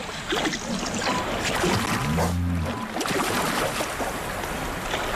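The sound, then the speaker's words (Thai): Young animals slosh and slide through wet mud, not yet really swimming, making continuous squelching and splashing sounds, with a brief low droning hum in the middle. “พวกมันแค่ถลายไปตามโคลนยังไม่ว่ายน้ำเท่าไหร่แต่เรือนี่อาจเป็นสิ่งล่อใจให้พวกมันลงน้ำลึกขึ้นแบบนั้นถึงจะเห็นว่าพวกมันว่ายน้ำเก่งแค่ไหน”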